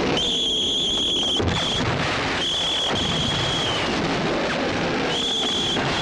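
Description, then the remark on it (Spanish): In a war film, shrill, steady whistle blasts sound several times before a military attack, some long and some short, over a constant rumbling roar of booms and blasts with no speech. “Cuando llega la hora, empieza comienzan a sonar los silbatos.”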